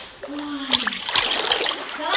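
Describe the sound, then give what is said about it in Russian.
Lively water splashing in irregular bursts as a girl bathes in cold water, moving and slapping about, with a brief faint vocal sound near the start and steady sloshing throughout. “Купайся, дочь.”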